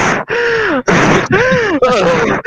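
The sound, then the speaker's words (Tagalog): A voice imitates heavy panting: five loud, breathy, voiced gasps in a steady rhythm, with groaning tones and brief pauses between breaths. “Yung hihingal. Hinihingal eh.”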